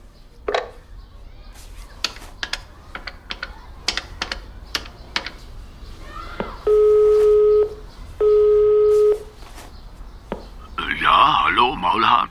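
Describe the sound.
A series of sharp button clicks as a phone number is punched in, followed by two long, steady ringing tones on the line, then a voice briefly begins at the end.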